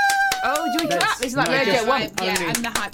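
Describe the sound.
A single person claps a handful of times, sharp, irregular slaps that start strong and trail off, mostly buried under people talking nearby.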